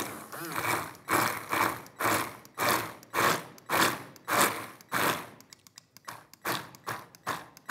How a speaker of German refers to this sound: Und dann gehe ich, keine Angst wegen der Kerne, mit dem Mixer einmal kurz an den Kollegen und dann.